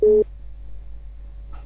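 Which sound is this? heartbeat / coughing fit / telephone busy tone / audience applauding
telephone busy tone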